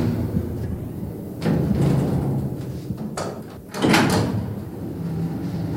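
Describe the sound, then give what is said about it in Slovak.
A door opens with a couple of rumbling, scraping bursts, the loudest near the end, over a steady low background hum. No one speaks. “Len pridržím dvere a pôjdeme nazad.”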